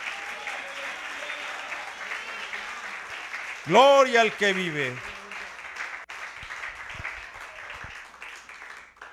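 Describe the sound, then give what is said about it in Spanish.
An audience applauds the Lord steadily throughout, a dense, even wash of clapping, while a man's voice briefly rises and calls out over it midway through. “Dele ese aplauso al Señor en esta hora.”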